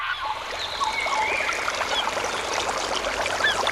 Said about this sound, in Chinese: 溪流，森林，草原，大海。如果有一天，这些美好的声音突然消失，为了守住这些美好的声音，热爱大自然，呵护地球家。